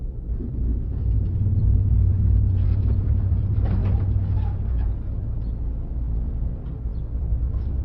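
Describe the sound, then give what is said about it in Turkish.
A steady, low car engine rumble runs throughout, from a friend's car, heavy in the bass with a faint higher hiss and slight swells in loudness, with no voices. “Bu arkadaşının arabası değil mi?”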